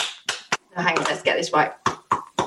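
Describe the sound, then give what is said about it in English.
Sharp, close claps land in an uneven rhythm, a few at the start and a few more near the end, with a stretch of voice in between. “Oh, that's a lovely bit of clapping action there.”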